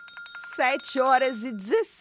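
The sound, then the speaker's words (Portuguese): An alarm clock rings with rapid, steady electronic beeps that carry on for about a second, while a voice joins in over the ringing with a sung, melodic phrase. “Vamos nessa com o nosso momento de acordar oficialmente, onde a gente toca o despertador juntos.”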